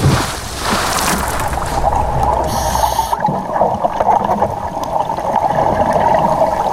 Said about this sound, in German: Bodycheck und rein ins Wasser.